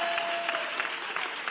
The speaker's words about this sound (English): It's gonna give him a praise right now. Yeah, come on, hand clap of praise. Hand clap of praise.